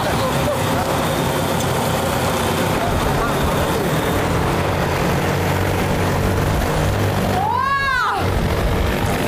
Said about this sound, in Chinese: 哇，这个飞机真的是那个力气，感觉拉这个150斤的竹子，特别的轻松就走了。